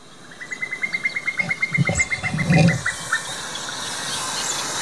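A bird of marsh or heath gives a rapid, evenly spaced series of bubbling notes that rises and runs on for a few seconds in quiet surroundings, with faint other calls in the background and no talking.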